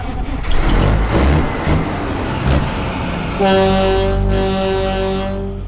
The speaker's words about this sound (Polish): Pod maską mamy 700 koni mechanicznych, Kenworth W900 z roku 1994.